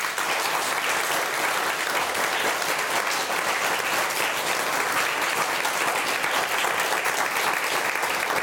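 Sustained applause from an audience for the first-prize winner of the younger age group in a competition, a dense, steady clatter of many hands clapping at an even loudness for several seconds, with no voices standing out.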